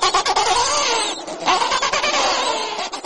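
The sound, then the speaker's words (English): A dense, unbroken chorus of harsh, overlapping squawks from many penguins in a rookery, loud and braying with rising and falling pitch, with no voices. “Even so, there's this constant squawking sound.”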